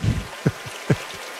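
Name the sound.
babbling brook water flowing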